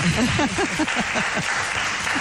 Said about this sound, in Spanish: Seamos poquitos, aplausos. Dales.